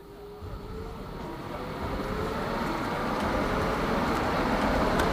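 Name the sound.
tram passing by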